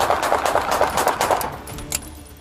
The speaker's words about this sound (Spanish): le echó el auto a los oficiales y estos respondieron con plomo.